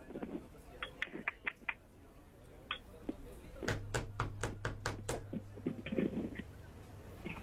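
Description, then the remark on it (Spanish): Someone raps on a door in several bursts, a few light knocks first, then a louder run of quick, sharp knocks, over faint murmuring voices and a low steady hum. “¿Quién toca la puerta?”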